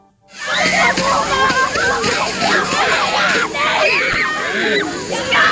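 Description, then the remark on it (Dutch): A steady, loud rush of water sprayed by the fire brigade from a fire hose at a school in Zeewolde on a hot day, with many children shrieking, squealing and shouting excitedly over it throughout. “Maar op een school in Zeewolde kwam de verkoeling vandaag van de brandweer.”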